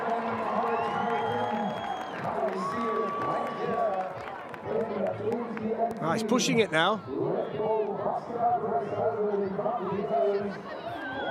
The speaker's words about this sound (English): They're all cheering him on today. It's a fantastic atmosphere around any Red Bull soapbox event.